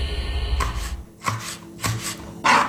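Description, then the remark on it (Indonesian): A knife chops down on a cutting board four times at an uneven, unhurried pace, each crisp, close knock standing out against a low background rumble. “Talenan. Barang yang satu ini pasti ada di rumah kita.”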